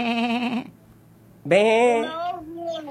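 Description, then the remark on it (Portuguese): A person imitates a sheep, giving two loud, wavering bleats with a short pause between them, the second trailing off into a softer tail. “Arthur, que animal que faz assim, ó?”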